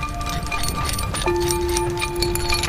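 Irregular metallic clinks and scrapes of a Luoyang spade, an archaeological probing shovel, with a steady ringing tone rising partway through, all over a constant low background hum with no voices.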